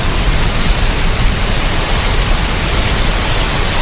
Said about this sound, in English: That's, in case you've forgotten, what rain sounds like. I mean, hopefully you've had a bit by now after all those weeks of hot weather, but if not, this'll jog your memory, yeah?